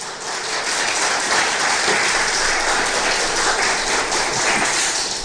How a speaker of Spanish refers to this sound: ¿Cuántos dicen gloria a Dios? Un poderoso aplauso al Señor.